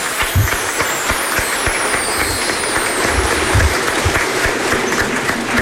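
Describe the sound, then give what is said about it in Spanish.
A crowd claps together in sustained, dense applause for a woman, a steady wash of many hands at even loudness for several seconds with no one speaking. “¡Un aplauso para ella, bien grande!”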